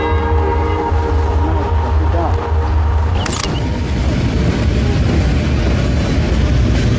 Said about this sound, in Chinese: 这边这个火车走掉以后呢，90分钟以后，它将通过仁子桥。